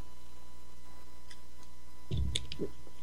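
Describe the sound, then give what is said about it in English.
After a couple of seconds of near silence, a brief slurp from a sip of water comes through, wet and short, with a few small clicks at the mouth. No one speaks. “I get a slurp of water here.”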